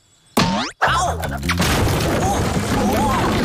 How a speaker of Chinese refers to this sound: 莱德，城堡这里有危机，布景墙都倒在阿宝船长身上了。